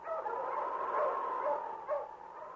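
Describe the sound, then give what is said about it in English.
A dog barks in a fairly loud, drawn-out run of sound lasting a couple of seconds, with no talking over it: King, Sergeant Preston's wonder dog in the Yukon gold rush radio drama. “Now back to the days of the gold rush when Sergeant Preston and his wonder dog King battled through storm and snow to preserve law and order as they met the challenge of the Yukon.”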